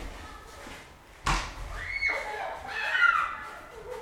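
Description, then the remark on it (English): A sharp thump from a snowball hit lands, followed by rising, high-pitched screams and shrieks from people in a snowball fight, throwing snowballs made from snow taken off the tops of cars at one another's heads, over a low background rumble. “Yeah, let's listen to the snowball fight.”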